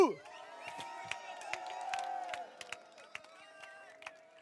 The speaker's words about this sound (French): Un tonnerre d'applaudissements pour Adolphe Hibou.